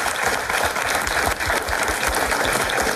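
A studio audience applauds steadily, a dense wash of many hands clapping at close range, loud and sustained throughout with no voices over it.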